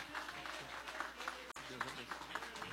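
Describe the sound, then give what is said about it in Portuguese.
A crowd applauds steadily throughout, a dense wash of clapping, while a voice speaks over the noise, as a church audience gives strong applause to welcome their state pastor. “nosso pastor estadual, com aquele aplauso bem forte para Jesus, bem alegre.”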